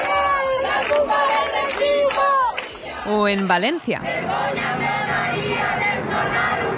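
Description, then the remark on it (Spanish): A large crowd of protesters in Seville chants loudly in rhythmic unison, their voices rising and falling together, then merging into a dense, sustained roar of shouting. “Pues sí, así sonaba, por ejemplo, anoche el hartazgo en Sevilla.”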